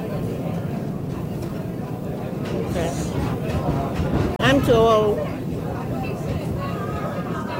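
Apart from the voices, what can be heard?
train interior rumble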